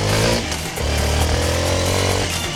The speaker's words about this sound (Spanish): prepárate a encender una moto Suzuki nuevecita. 0 kilómetros en sintonía de Olímpica Estéreo.